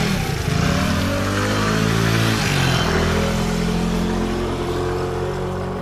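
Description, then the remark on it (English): A motorbike engine revs, its pitch climbing and dipping a few times before settling into a steady, loud drone as it pulls away carrying three people back to a school. No one speaks. “got on my motorbike, and we headed back to the school.”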